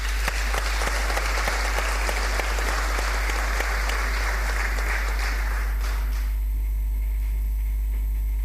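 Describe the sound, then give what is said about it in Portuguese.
Steady audience applause at a school merit award ceremony for higher education students, a dense crackle of many hands clapping for about six seconds, then fading out abruptly into a low hum. “Uma salva de palmas.”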